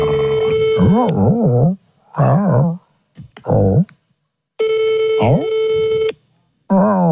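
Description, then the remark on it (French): A phone call to Karine Galli rings out on the caller's end with two long, steady ringback tones and a pause between, unanswered, while a dog howls and whines along with wavering cries. “Attends, j'appelle Karine.”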